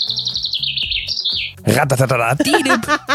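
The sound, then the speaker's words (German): A person imitates birdsong with a high, warbling whistle for about a second and a half, then breaks into louder, wavering vocal sounds. “Das erinnert mich gerade an den Moment, an dem ich im Radio versucht habe, Vogelstimmen nachzumachen.”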